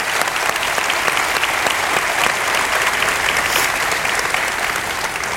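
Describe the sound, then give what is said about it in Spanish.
A crowd at Southern claps steadily for a guest singer, a dense, even wash of many hands clapping at once with no voices rising above it, holding at a fairly loud level from start to finish. “Démosles un aplauso.”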